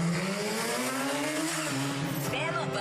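A car engine revs loudly, its droning pitch climbing steadily as it accelerates for a few seconds with no pause.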